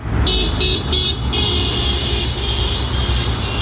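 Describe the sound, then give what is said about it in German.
Busy Friday-morning street traffic rumbles steadily after daybreak at the market square in St. Gallen, Switzerland, where commuters waited for the bus, with a vehicle horn tooting in a few short bursts before holding one long, sustained blast. No one speaks. “Draussen ist es mittlerweile hell geworden und beim Marktplatz haben die Pendlerinnen und Pendler auf den Bus gewartet, um zu arbeiten oder in die Schule.”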